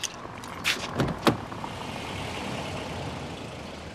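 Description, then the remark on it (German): A car rolls to a stop and parks, with a few short hissing, squeaking bursts near the start and then a steady low engine rumble that continues to the end. “Ah, das Auto parkt.”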